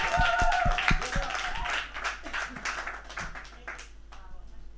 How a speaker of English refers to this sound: So let's applause for Res Radio.